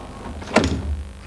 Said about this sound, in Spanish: Ella abre la puerta en camisón.